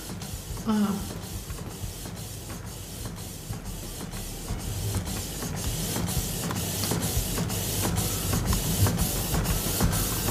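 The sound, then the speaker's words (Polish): A printer prints a page in colour: rapid, evenly spaced mechanical clicks and whirring passes repeat steadily over a constant motor hum, growing slightly louder toward the end, with a brief faint tone near the start. “A, teraz drukuje w kolorze, więc... Po czym poznajesz, bo nawet jest wolniej.”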